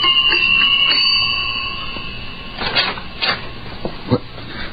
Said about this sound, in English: The next morning, a pneumatic young girl, crisply clad in a Beta Minus viscose linen suit, stood outside the door of the Savage's apartment and somewhat nervously rang the buzzer.